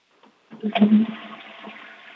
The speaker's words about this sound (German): das war schon mal vom August die Klospülung